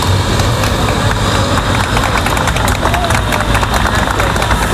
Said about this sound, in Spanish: Como lo escuchas, entre aplausos de la gente congregada a las puertas del hospital.